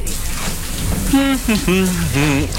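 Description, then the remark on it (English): Shower water runs in a steady hiss from start to finish, and partway through a person calls out loudly over the spray, complaining that the hot water has run out from an old hot water system. “Hey! Where's all the hot water? Oh, I knew that hot water system was old. Now there's no showers for anyone.”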